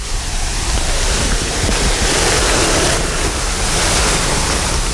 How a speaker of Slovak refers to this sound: A do neho priteká voda z toho štylizovaného rímskeho akvaduktu. Priteká do tohto jazierka. Už počujeme zúrčať vodu.